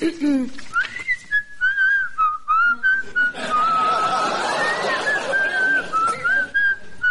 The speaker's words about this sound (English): Madam, will you please stop that whistling? You're putting the gentleman off.